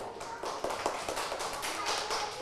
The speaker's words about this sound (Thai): เด็กๆประมือให้กลุ่มที่2ค่ะประมือให้กลุ่มที่2